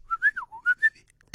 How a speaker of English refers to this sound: Let me try. I can musically whistle.